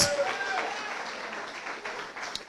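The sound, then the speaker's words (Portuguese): An audience claps their hands together for Jesus in a dense, continuous burst of applause that holds steady throughout, with indistinct voices mixed into the clapping. “Aleluia, bate a as palmas para Jesus.”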